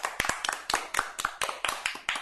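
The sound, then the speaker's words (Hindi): Children's applause for a poem recitation about yoga and a hymn to Shiva at a Yoga Day program: a steady patter of many quick, sharp hand claps overlapping in an uneven rhythm, sustained for about two seconds at moderate loudness, with no voices. “तो बच्चों इनके लिए जोरदार तालियां हो जाए।”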